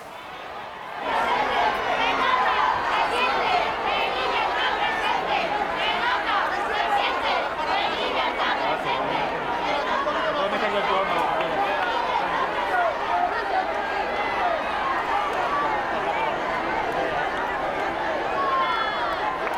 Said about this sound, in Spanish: ciudad autónoma de Melilla, que ahora mismo les recibe, como están viendo en esta imagen en directo, con este fervor, con muchas banderas de España, con muchos gritos de Felipe, Felipe, España, España. Vamos a escuchar qué están gritando ahora mismo.